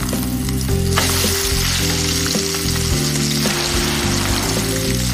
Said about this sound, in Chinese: 耳朵锅鸡，先将鸡肉煸香盛出，留下底油，倒入秘方蚕豆酱，增加浓郁的酱香，辣椒酱提供辣香，双酱加持的鸡肉鲜香浓郁，咕嘟声中，家乡滋味弥漫开来。